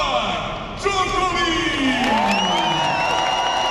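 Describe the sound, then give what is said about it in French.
The crowd in the well-filled stands of Court Philippe-Chatrier roars and cheers loudly and continuously as Novak Djokovic walks onto the court for practice, with a sudden swell just under a second in and rising whoops and shouts layered through the dense wall of noise. “Dans les tribunes bien garnies du Philippe Châtrier, le public rugit dès l'entrée sur le court d'un seul homme.”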